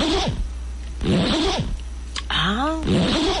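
A zipper is pulled back and forth several times in quick, raspy bursts, fairly loud, with a short high-pitched vocal whine cutting in between strokes.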